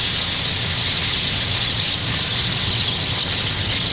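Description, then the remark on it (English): A dense, continuous chorus of countless tree swallows twittering and chattering at once during their autumn mass flight at Goose Island, a loud, steady wash of high-pitched calls with no pauses and no voices. “Soon, all of Goose Island swallows will disappear below the southern horizon for the winter.”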